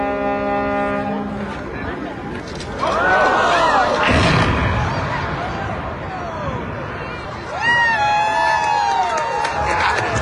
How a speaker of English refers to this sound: The 80-year-old Chester Bridge has come down as the crowd gathered and lawn chairs looked on.